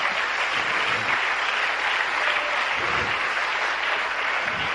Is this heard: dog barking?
no